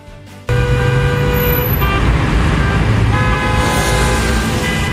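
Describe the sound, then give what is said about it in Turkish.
A driver choking on a piece of plum honks a car horn in a long, sustained blare over steady road traffic in the Selçuklu district of Konya, starting abruptly and continuing loudly, with engine rumble underneath and no talking. “Korna çaldı, polis yetişti ve saniyeler içinde hayat kurtaran müdahale geldi.”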